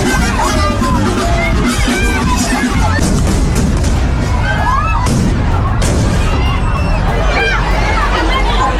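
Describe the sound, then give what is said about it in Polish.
Fireworks crack and burst over a dense, noisy crowd in the town square of Noain, northern Spain, at the opening of a local festival; sparks from fireworks fired from the town hall balcony ignited others that fell on the crowd and exploded. A few sharp bangs stand out from constant loud chatter and shouting. “Iskry zapaliły ląty innych fajerwerków, które spadły na zgromadzony na placu tłum i tam eksplodowały.”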